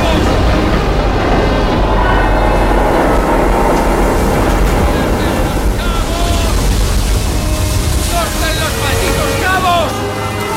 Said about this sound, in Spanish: Las olas baten la cubierta superior escorada a babor.